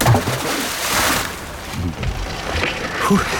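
An anchor is thrown from a boat, its motor switched off, into the open sea with one loud splash, followed by gurgling water and a low rumble from the boat.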